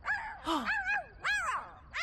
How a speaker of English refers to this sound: That sounds like her. Come on, let's go see what Tango's barking at.